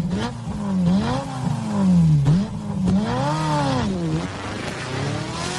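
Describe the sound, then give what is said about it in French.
A Ferrari sports car engine roars, revving hard several times in a row, its pitch climbing and dropping with each loud throttle blip, with no voices. “Ce rugissement du moteur, c'est tout le défi de la marque italienne aujourd'hui.”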